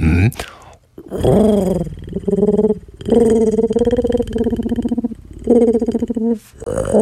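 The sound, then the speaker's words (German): A voice imitates a sad pigeon with a loud run of drawn-out, wavering coos, several mournful hooting phrases with brief pauses between them, sliding slightly in pitch. “Pass auf, eine traurige Taube.”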